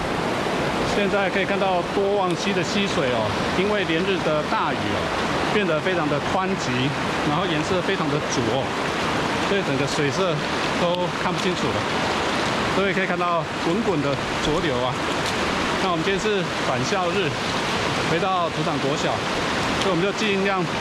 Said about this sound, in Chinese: 现在可以看到多旺溪的溪水哦，因为连日的大雨哦，变得非常的湍急，然后颜色非常的浊，所以整个水色都看不清楚了。各位可以看到滚滚的浊流啊。